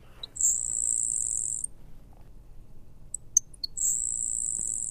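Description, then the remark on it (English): A high, thin insect-like buzz from a grasshopper sparrow, sung twice, each preceded by a few sharp ticking notes, over a quiet outdoor background with no talking. “bird that makes an unusual sound in our area as well would be the grasshopper sparrow, which is a lot more common, but like its name suggests, it definitely has a sound that's almost insect-like as opposed to what we would consider a general song.”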